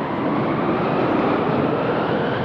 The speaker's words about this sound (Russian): Вон какая погода. Снег, холод, ветер так рвет, море бушует.